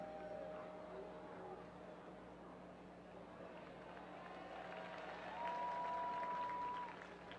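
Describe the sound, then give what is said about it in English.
A ballpark crowd at a baseball game cheers and applauds in a steady wash of clapping and voices after a man who caught a foul ball hands it to a kid, swelling slightly louder near the end before easing off. “Crowd cheering because the gentleman who got that foul ball handed it to a kid.”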